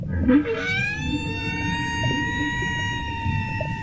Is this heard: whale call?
yes